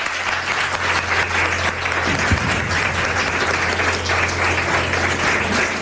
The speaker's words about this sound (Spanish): Os pido un aplauso para él, que no lo he pedido.